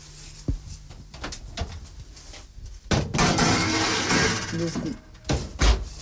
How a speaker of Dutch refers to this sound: Een beetje hoger zetten, dat de appeltjes bakken. En nu zal ik de schaal in de oven steken. En we gaan dan, ik denk een 10 minuutjes, ga dat zien, hè. Niet te lang, 10 minuutjes mag dat wel bakken.